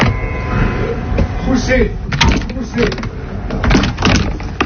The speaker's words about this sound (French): Poussez. Ça y est, j'ai réussi. Un peu archaïque cette porte.